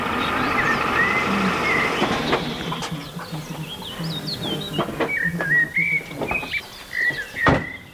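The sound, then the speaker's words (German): A flock of geese flies past calling repeatedly, overlapping honks and higher yelping notes rising and falling in a loose, irregular rhythm over a steady outdoor background, with no one speaking. “Das Land der Frühaufsteher und da hinten fliegen jetzt, das sind glaube ich Gänse lang, ne?”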